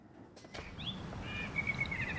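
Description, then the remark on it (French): As evening falls in Aubonne, a blackbird sings in a neighbouring fir tree, a few clear, fluting whistled phrases, fairly soft and rising and falling in pitch, over a steady low background rumble with no voices. “On entend un merle qui siffle dans le sapin voisin.”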